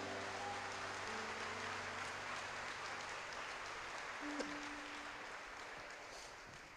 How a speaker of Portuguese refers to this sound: Será que tem alguém vivo aqui para dar uma glória a Deus? Então aplauda o Messias.